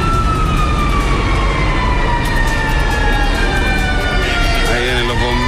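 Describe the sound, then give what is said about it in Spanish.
A fire truck siren wails loudly and steadily, its tone sliding up and down over a heavy rumble of engines and street traffic, as firefighters arrive at an overturned car on Gran Avenida near Metro Ciudad del Niño. “Llegaron los bomberos recién, pleno procedimiento aquí en Gran Avenida, auto volcado.”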